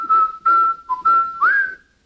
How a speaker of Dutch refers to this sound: Vervolgens heb ik ook gevraagd wat het origineel is, wat de papegaai gehoord heeft. En dat heb ik dan met elkaar vergeleken. Oké. In het origineel fluit het baasje dus het deuntje voor zijn papegaai